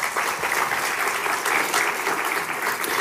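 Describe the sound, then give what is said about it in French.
Sustained applause from a large audience, a dense, steady patter of many hands clapping at once, fairly loud and continuous throughout with no voices standing out. “Et je vous propose qu'on les applaudisse aussi.”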